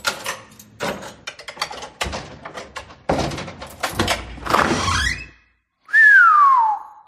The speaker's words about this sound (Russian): присел перед дверью квартиры, поколдовал с замком и распахнул створку.